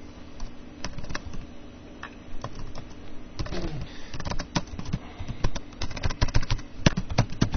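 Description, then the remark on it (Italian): Rapid, uneven clicking of keys on a computer keyboard, moderately loud, with bursts of faster tapping toward the end and a low steady hum underneath. “Perché non, perché la tastiera non scrive?”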